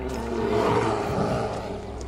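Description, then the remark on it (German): A deep, rough animal call, like a deer bellowing in the woods, rumbles steadily for about two seconds at moderate loudness, with no talking. “Ist bestimmt nur ein Reh.”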